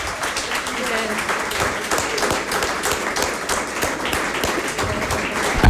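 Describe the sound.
Sustained audience applause for the people from the Lagerhalle who helped out, a dense and steady wash of many hands clapping at fairly even loudness for several seconds, with some crowd voices mixed in.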